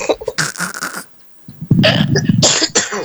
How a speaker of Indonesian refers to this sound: Sedikit agak gangguan. Gangguan apa itu? Lagi perlu batuk.